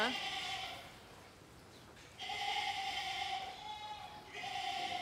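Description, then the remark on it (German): Excited lambs and goats bleat in a stable, three long wavering calls with a gap after the first, each loud and nasal with bright harmonics, over a steady background hum. “Zuerst sind die Lämmer dran. Die sind schon aufgeregt.”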